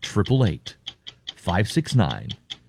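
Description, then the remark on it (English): A clock ticks steadily in a quick, even rhythm, a countdown timer with about 45 seconds remaining, with a voice talking over it in two bursts. “only about 45 seconds or so remaining. That's why you hear the clock.”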